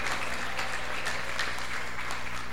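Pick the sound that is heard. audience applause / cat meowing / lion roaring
audience applause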